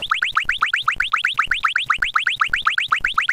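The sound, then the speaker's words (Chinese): A fast, steady series of high electronic chirps, each a quick upward-sweeping blip, repeating about seven times a second for several seconds with no voices, as a timer is started at the main gate of No. 138 Huayou Road compound to time the walk to the new Huayou Road West bus stop. “现在接着就是在华游路138号院的正门口，我们现在打开这个计时器，测试一下，从这个正门口走向新的华游路西站究竟需要多长时间？”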